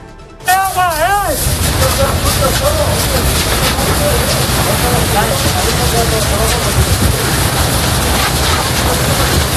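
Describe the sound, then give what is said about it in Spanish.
A wildfire roars and crackles in a steady, loud wash of noise as the Military Emergencies Unit (UME) works against it in Pelayos de la Presa, a municipality hit by the second fire. Indistinct voices and activity sound in the background, with a brief wavering tone near the start. “Así está trabajando la UME, la Unidad Militar de Emergencias, en Pelayos de la Presa, municipio afectado por este segundo incendio.”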